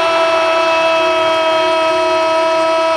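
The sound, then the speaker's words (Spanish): A loud, sustained basketball arena buzzer horn blares steadily for about three seconds as Dominic Mabra hits a three-pointer at the buzzer, then cuts off with a slight downward dip in pitch. No voices are heard over it. “La bocina triple de Dominic Mabra.”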